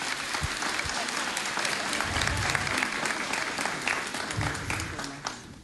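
A steady round of applause from many hands, dense and continuous clapping at an even loudness for several seconds before tapering slightly at the end.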